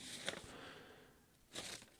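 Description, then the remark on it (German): Paper sheets rustle and crinkle in two short bursts, fairly soft, with a quieter pause between them and no voices. “Habe zu viele Papiere hier.”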